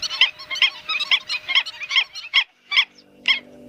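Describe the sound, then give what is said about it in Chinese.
Black-winged stilts living as a breeding-season colony in a wetland give a rapid series of sharp, yapping calls, crowded together at first and then spacing out into a few separate cries, with no talking. “与游鼻天鹅不同，进入繁殖期，黑翅长脚鹬开始了他们的集群生活。”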